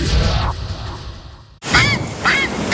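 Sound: grey heron calling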